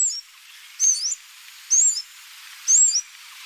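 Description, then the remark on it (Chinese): Three thin, high-pitched calls of a blue-throated sunbird in Shennongjia, each a short twittering phrase spaced about a second apart, heard clearly over faint background hiss with no voices. “在神农架靠花蜜为生的，还有飞越千山而来的蓝喉太阳鸟。”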